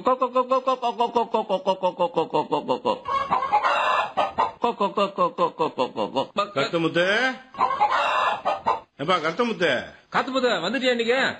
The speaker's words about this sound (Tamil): என்னப்பா காலையில உட்காந்துட்டு என்ன கோழிக்கு எல்லாம் தீவனம் போட்டுட்டு வருகிறியா? ஆமாம்பா, கம்பு கேழ்வரகு போட்டுங்கிறேன். எப்பா நாட்டு கோழி தானா வளரும், அதுக்கு எதுக்குப்பா தீவனம் போடுற?